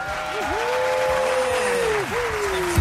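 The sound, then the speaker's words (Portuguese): An audience at the Clube da Música Vocal Play claps steadily for about three seconds, a dense, even patter, while a high wavering whistle-like tone glides along on top, dipping twice. “As palmas.”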